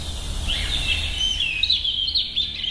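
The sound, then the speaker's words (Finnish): A European robin sings a thin, high warbling song of wavering trills that runs continuously over a low outdoor rumble with no one talking. “Näin kertoi lempilinnustaan punarinnasta”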